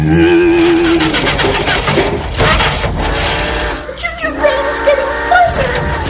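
A car engine cranks over and over without catching as someone tries to start a car on a railroad trestle. It is a loud, strained whirring and sputtering that runs continuously and briefly falters midway before grinding on again. No one speaks.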